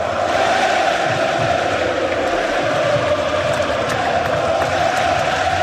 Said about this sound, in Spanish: Pedro, que escuchan de fondo esa ovación, es la despedida del Lazio anoche al tinerfeño, a Pedro Rodríguez Ledesma, después de que su equipo, la Lazio, cayera 2-0 en la gran final de la Copa de Italia ante el Inter de Milán